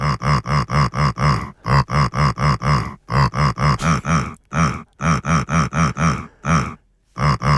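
Rhythmic, pitched grunts follow a song melody, short loud bursts in steady phrases with brief pauses between them. Lissi, an animal, grunting along to a tune for the HR4 radio station, with no talking.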